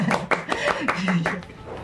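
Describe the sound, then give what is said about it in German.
About half a dozen sharp hand claps on air during Radio Neckar Ultra Rock on Freies Radio für Stuttgart, in a steady, moderate rhythm, fairly loud, with a low voice murmuring underneath. “Ich glaube, muss doch mal ein bisschen klatschen hier.”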